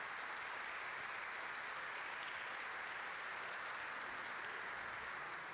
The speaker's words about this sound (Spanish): hermanos y hermanas, a los cumpleañeros de este domingo, los felicitamos con un fuerte aplauso.